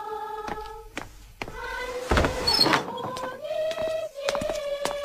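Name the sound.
door being opened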